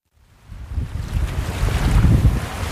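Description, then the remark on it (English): Ocean surf washing ashore on Cape Cod in summer under a steady coastal wind, a broad rushing roar that swells up from near silence and grows louder, with gusty rumble buffeting the microphone. No voices. “Ah, summer on Cape Cod. Sun, ocean breezes, and plenty of waves.”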